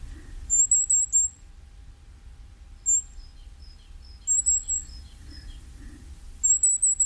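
Firecrest song: very high, thin, rapid buzzy phrases repeated several times, with softer high chirps between them over a low background rumble.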